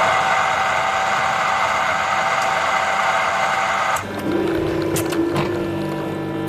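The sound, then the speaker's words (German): A touchscreen coffee machine in a monastery runs with a steady, loud mechanical whir and hiss; partway through the sound shifts and a low, even pump hum takes over, with a few faint clicks. No one speaks. “Eine Kaffeemaschine mit Touchscreen, da bleibt kein Wunsch offen.”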